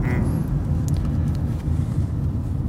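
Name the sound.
car interior ambience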